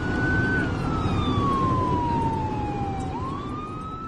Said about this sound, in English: Uh-oh. Here comes a fire truck behind us.